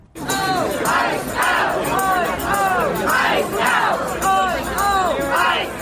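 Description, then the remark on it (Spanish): Dozens of protesters in the Bronx, New York, protesting against ICE, chant "fuera ICE" in unison, a short slogan repeated about six times in a steady, loud rhythm, voices rising and falling together with each repetition. “Al grito de fuera ICE, decenas de manifestantes se congregaron en el Bronx, en Nueva York, para exigir que el Servicio de Inmigración y Aduanas, conocido como ICE, salga inmediatamente de la ciudad y ponga fin a las redadas antimigrantes.”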